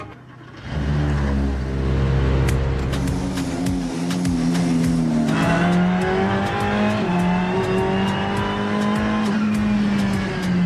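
A 488 GT3 race car engine fires up and roars after the jacks are removed and the car is lowered onto its wheels, its loud tone holding steady, then climbing in pitch as it revs and pulls away, with sharp crackles and clicks throughout. No one speaks.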